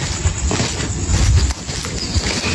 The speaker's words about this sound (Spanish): Un caballo. Escucha. Ah, aquí lo escucho ahora. Ay, aquí asustan en Santa Cruz.